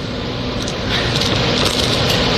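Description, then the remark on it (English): Steady, loud crunching of M&M's candies being chewed by a blindfolded taster comparing old and new M&M's, a dense crackle of brittle shells breaking that continues for a couple of seconds without any talking. “Hear the crunch?”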